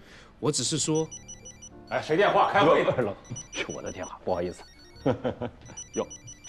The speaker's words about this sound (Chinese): 哎，谁电话？开会。 是我的电话，不好意思。哟，这个电话接一下啊。